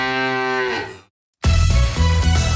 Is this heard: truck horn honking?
no